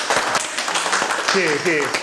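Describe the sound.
A group at a regular meeting breaks into warm, welcoming applause, a dense steady patter of many hands clapping for two seconds, with a voice briefly speaking over it toward the end.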